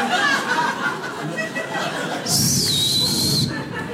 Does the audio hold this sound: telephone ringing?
no